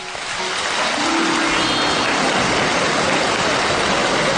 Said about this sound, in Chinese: 感谢大家的掌声， 谢谢大家。 您看咱哥俩往台上一站，什么都没说， 嗯， 您都鼓两次掌了。